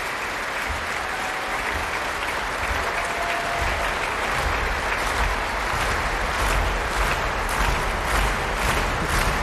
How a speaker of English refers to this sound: I think the Brummers want more. Carol Gerstein is coming on stage. Applause from the orchestra too. This all bodes well.